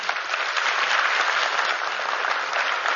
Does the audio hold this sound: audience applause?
yes